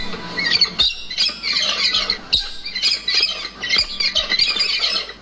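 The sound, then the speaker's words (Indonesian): Harsh, raspy squawks from endangered white cockatoos (alba) in the forest of Halmahera, North Maluku, ring out again and again, loud, overlapping into a near-continuous chorus of screeching calls with no voices present. “Kicauan burung itu salah satunya terdengar dari satwa kakatua putih atau alba yang nyaris punah di hutan Halmahera.”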